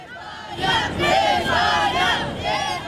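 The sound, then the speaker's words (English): A large crowd of fans in Buenos Aires cheers and chants in loud, rising waves, welcoming the Argentina team back, many voices shouting together in a sustained roar with rhythmic surges. “Despite the defeat and the incident, fans warmly welcomed the Argentina team back to Buenos Aires.”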